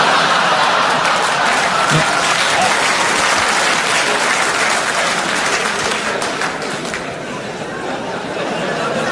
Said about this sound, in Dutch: U klapt er zelfs voor, weet u dat? Dat is heel ernstig.